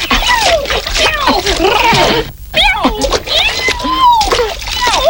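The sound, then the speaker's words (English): Children shriek and chatter playfully while jumping in puddles, water splashing and sloshing beneath them in a steady, busy stream, with a brief pause partway through. “While he was fishing, we started having fun with the puddles.”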